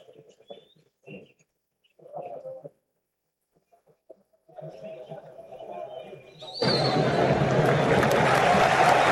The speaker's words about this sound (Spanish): Seguido por los aplausos de todo el público, de los propios jugadores y de cada uno de los representantes de estas selecciones.